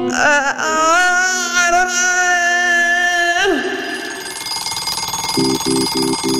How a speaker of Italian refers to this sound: La sveglia suona.